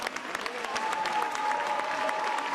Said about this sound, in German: Einen großen Applaus für das ganze Team.